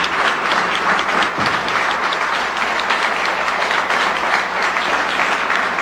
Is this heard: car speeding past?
no